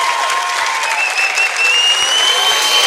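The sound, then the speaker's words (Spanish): A crowd claps steadily throughout, a dense, even patter of many hands with a faint tonal whistle running through it. The applause stays loud and sustained, and no one speaks. “Aplausos, aplausos.”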